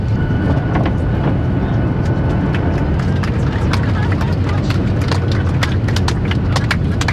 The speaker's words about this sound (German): Man hat also schon sehr viel Grünes gesehen und sie setzt jetzt zum Landeanflug an auf dem Flughafen Ben Gurion. Gleich also, Shalom Israel.